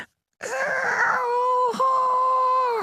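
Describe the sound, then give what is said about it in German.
A voice imitates the roar of a tiny lake monster, no bigger than a frog, that lives in a bathing lake behind a village: a soft, drawn-out groaning growl that breaks off briefly, then carries on as a steady, slightly whiny tone. “Wenn es brüllt, tut es das sehr leise. Ungefähr so.”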